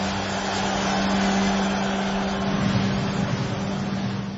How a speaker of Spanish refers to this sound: aquí atorado en el tráfico saliendo del trabajo, pero como siempre escuchándolos porque solo aquí tienen más música continua.